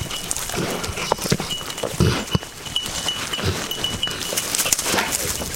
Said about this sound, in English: Wheeler's little bell slows down. He lowers his head to sniff something, snorting a little bit.